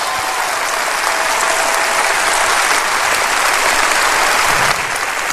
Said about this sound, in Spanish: Oh, si va a aplaudir, aplauda bien, hombre.